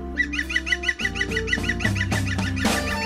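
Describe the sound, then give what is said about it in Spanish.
A bird calls over and over in a quick, steady series of sharp, honking chirps, about a dozen in all, over a low, continuous droning hum. “¿Escuchas? El pájaro observado.”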